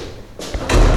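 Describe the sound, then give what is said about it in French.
A door opens with a brief rush of noise and a soft thud, then slams shut with a loud, heavy bang, all within a second and with no voices. “La porte est ouverte.”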